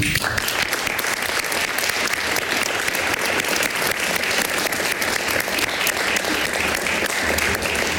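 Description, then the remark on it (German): Sustained applause from a sizable audience, a dense, steady wash of clapping hands that stays loud and even for the full eight seconds with no voices standing out. “Und ja, für ihn dennoch hier auch fürs Tonband und für die Dokumentation nochmal einen ganz großen Applaus.”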